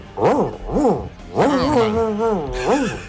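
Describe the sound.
A radio listener growls and snarls in imitation of an angry dog, several rising-and-falling vocal bursts, with a longer wavering snarl in the middle.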